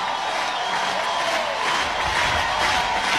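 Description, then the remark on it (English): A stadium crowd cheers in a loud, steady roar of many voices that holds without a break for the whole few seconds, with no single voice standing out. “Crowd is alive.”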